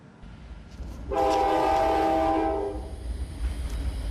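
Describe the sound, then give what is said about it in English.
A train on the world's highest and longest railway, on the plateau in Xizang, rumbles past as a loud, sustained horn blast sounds for about a second and a half, then fades, leaving the low, steady roar of rolling cars and wheels. “the world's highest and longest railway.”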